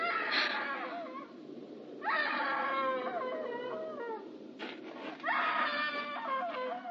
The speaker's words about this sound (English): Hey, screaming woman. Why didn't you scream before? Why didn't you scream so Daddy could hear you?